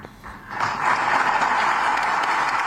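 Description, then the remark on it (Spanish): Loud, sustained ovation from a large audience for King Felipe VI's speech in Ceuta, at a meeting with representatives of Ceuta's civil society, swells in after a brief quieter moment, then holds steady as a dense wash of clapping with no voices. “Ovación cerrada para la reivindicación rotunda de la españolidad de Ceuta en palabras del rey.”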